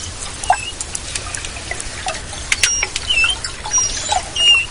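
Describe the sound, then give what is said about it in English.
Manatee communication calls from a 10-foot-long sea cow: a scattering of short, high-pitched squeaks and chirps at irregular intervals, some with brief rising or falling whistles, over a steady hissy background with no voices. “That's what manatees sound like when they're communicating”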